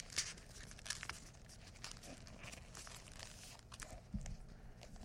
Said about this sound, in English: attempting to use paper more like aluminum foil. Sort of crumpled up around my book.